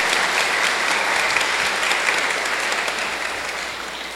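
An audience applauds steadily for about four seconds to welcome a couple who will come to live and serve there, a dense wash of many hands clapping at once with no pauses, fading slightly toward the end.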